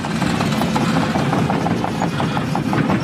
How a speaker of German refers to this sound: Die Bagger rollen hier an der Grundschule in Kernen im Remstal nahe Stuttgart. Ein Sound, der heute nicht nur Lokalpolitiker anlockt.